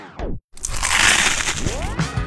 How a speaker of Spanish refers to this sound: Ese mordisco que hace que todo se detenga por un momento.